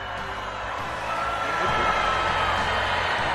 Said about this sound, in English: Hear that? Students booing Google's former chief executive for talking about AI at their graduation. And that was not a one-off.